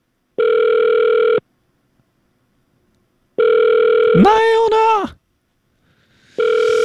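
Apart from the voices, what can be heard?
telephone ringback tone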